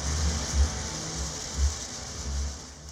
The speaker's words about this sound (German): So wie der Song begann, so endet er mit einer Dusche.